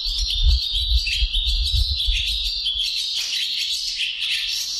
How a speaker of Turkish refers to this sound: Kırkırlangıcını Ensar Ertekin Bursa'da kaydettiler. eBird'in Kuş Sesi Kütüphanesi Macaulay Kütüphanesi'nde paylaştılar.